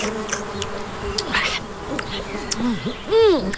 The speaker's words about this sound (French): Ça y est! Notre mouche est posée sur la bouse d'une grosse vache normande.